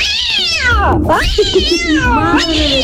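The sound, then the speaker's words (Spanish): A cat screeches a loud, drawn-out meow, its shrill cry sliding down in pitch, then wavering and rising again over about three seconds, with no one talking. “Madre bendita, le hacen chillar por allá.”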